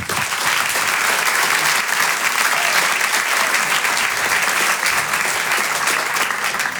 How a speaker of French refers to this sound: Je vous demande un tonnerre d'applaudissements maintenant pour l'artiste qui va nous rejoindre, un stand-upper. Vous pouvez l'applaudir très, très chaleureusement.